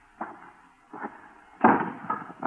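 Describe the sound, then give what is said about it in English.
An axe chopping a pile of kindling near a barn: about five sharp, woody whacks at an uneven pace, the later strikes louder and harder, each with a brief ringing tail. No voices are heard. “Whoever it was sure knew how to handle an axe.”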